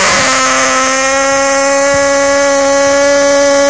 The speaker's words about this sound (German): Ich versuch das mit der Tröte. Letzte Chance. Einmal noch. Ich trommel und direkt danach du.